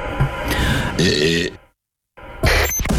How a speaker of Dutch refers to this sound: Oké, iemand heeft geboerd. Het is een bekende Nederlander.